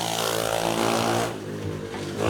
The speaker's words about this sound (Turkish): Bu adam zır deli. Bu kahrolası motosiklet yüzünden herhalde havaya uçana kadar gidecek.